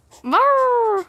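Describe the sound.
A person imitates a raccoon with one fairly loud vocal call that rises in pitch and then holds as a drawn-out, whiny note for about a second, sounding rather dog-like.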